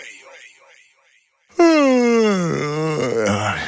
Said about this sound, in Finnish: Haukottelu on tarttuvaa.